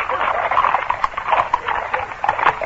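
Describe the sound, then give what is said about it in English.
Horses' hooves clop on a hard road in a quick, busy rhythm as four riders spur their horses together into the middle of the road to stop carriages, with a faint voice mixed in. “A moment later, the carriages were abreast of the post house, and the four men assigned to stop them spurred their horses into the middle of the road.”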